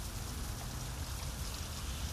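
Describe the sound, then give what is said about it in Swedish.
Steady rain falling, a continuous dense hiss with a heavy low rumble underneath, even in loudness throughout and with no voices. “Han har promenerat en mil i regnet.”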